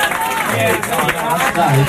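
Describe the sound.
An audience applauds for a tank top in a dense, steady wash of clapping that holds for about two seconds, with voices and cheers mixed in throughout.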